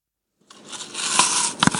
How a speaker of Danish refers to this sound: Det er en, der tager et bid af et æble. Det er rigtigt.